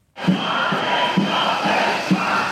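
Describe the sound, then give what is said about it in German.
Thousands of healthcare workers protesting health insurance cuts chant in unison on the Platz der Menschenrechte in Hannover, Germany, a steady roar of many voices with rhythmic pulses recurring about every second, like a repeated slogan shouted at a demonstration. “Wagen stoppen, schallt es mitten in Hannover über den Platz der Menschenrechte. Tausende Menschen sind gekommen.”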